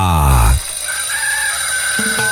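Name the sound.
rooster crowing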